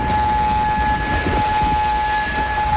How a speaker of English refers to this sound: air raid sirens sounding across Kuwait City.